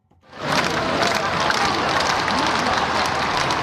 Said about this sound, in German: Hunderttausende Menschen säumen die Champs-Élysées, jubeln dem Papst mit Vatikan- oder Frankreich-Fahnen zu, als er im offenen Papamobil die Straße entlang fährt. Immer wieder stimmen sie Sprechchöre an oder applaudieren.